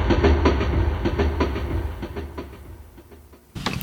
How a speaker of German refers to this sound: Da hörten wir doch den Zug, der von Berlin nach Amsterdam fuhr